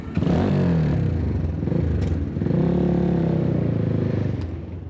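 A motorcycle engine drones steadily, its pitch rising and falling as it rides through city traffic in Tehran, with rattling clatter and a faint passing car around it.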